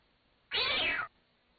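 A single sharp, loud cat cry as the cat is caught by a person's foot, lasting about half a second with an abrupt start and stop, surrounded by quiet.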